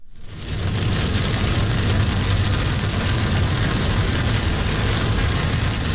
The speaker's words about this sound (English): That was rain, recorded yesterday by Denverite's Kevin Beatty near Copper Mountain